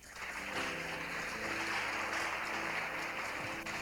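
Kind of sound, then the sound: crowd, audience applauding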